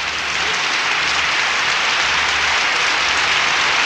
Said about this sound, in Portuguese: Mais palmas, oi. Chega, tá bom que tá acabando a vinheta.